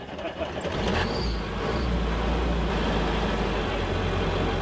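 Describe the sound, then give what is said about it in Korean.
A small train on a sugarcane-plantation railway comes to a stop to let passengers off, its engine rumbling steadily, the deep idling drone continuing without a break through the whole moment. “그런데 갑자기 기차가 멈췄습니다.”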